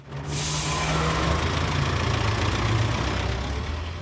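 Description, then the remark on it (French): A heavy bus engine idles steadily with a low, droning rumble, under a loud, continuous hiss of air that bursts in just after the start and lasts throughout. “Welcome aboard Coast to Coast Bus with Jean-Pierre on RCF Radio.”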